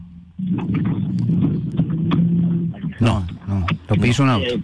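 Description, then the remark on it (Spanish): A car engine drones loudly for a few seconds as a car passes a caller at a stage of the Córdoba provincial rally championship, a steady low rumble that swamps a faint voice on a phone line, before a man's voice comes through clearly. “Lo piso un auto.”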